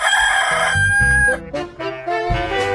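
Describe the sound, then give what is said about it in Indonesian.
A rooster perched on a tree branch at dusk crows loudly, a long strained call with a few short thumping sounds underneath as it flaps its wings three times, and no one speaking. “Sebelum dia beristirahat, dengan santai, dia mengepakkan sayapnya 3 kali dan berkokok dengan keras sekali.”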